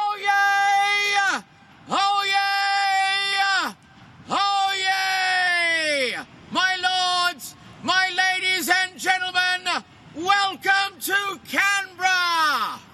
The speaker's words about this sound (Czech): No, mám pocit, že občas někteří moderátoři tady v určitých situacích po pár panácích řvou docela hlasitěji.